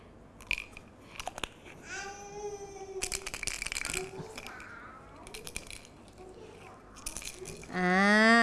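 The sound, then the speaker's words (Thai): Red beans rattle inside a jar in several short, crisp shaking bursts, with voices, including a child's, babbling and calling out in the background between the shakes. “เป็นเมล็ดพืชเหมือนกันนะคะเป็นเมล็ดถั่วแดงค่ะ”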